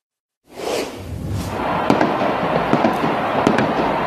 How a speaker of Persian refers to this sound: تصاویر زنده میبینیم از بوئنوس آیرس در آرژانتین و هواداران فوتبال که در حال جشن و پایکوبی و آتشبازی هستند در یکی از میدانهای این شهر.